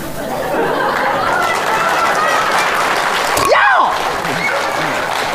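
A live audience applauds steadily, a dense, even wash of clapping mixed with crowd chatter, with a brief sliding whistle-like sound near the end.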